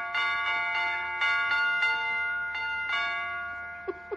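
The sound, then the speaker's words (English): A broken doorbell chimes a bright tune resembling Jingle Bells, a quick run of ringing tones with long overlapping decays, clear, with no talking over it. “Well, it's a little early, but I could swear that was jingle bells. That was somebody at the door.”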